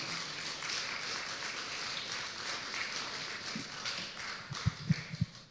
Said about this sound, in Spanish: Un aplauso, por favor, al Señor Jesús.